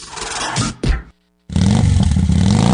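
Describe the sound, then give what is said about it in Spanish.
A motorcycle engine revs loudly, with a rough burst, a brief silent gap, then a sustained throaty roar that climbs steadily in pitch as the throttle opens. “Tu moto nueva está en Electra.”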